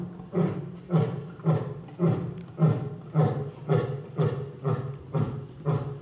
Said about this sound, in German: Der markiert jetzt sein Revier, das Löwenbrüllen. Ja. Das ist akustische Markierung, sagt man ja. Man sieht auch ganz oft, dass die Löwen dann irgendwo reinbrüllen, sei es jetzt gegen die Wand oder sei es in den Graben,